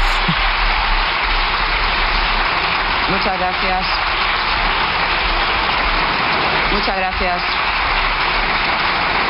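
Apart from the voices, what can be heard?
parliament deputies' ovation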